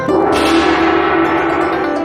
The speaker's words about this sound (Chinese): 还有那一敲就响的大铜锣。 你的脸上的表情是表示它真能响是吗？ 这声音真好听。 哦，真好听是吧？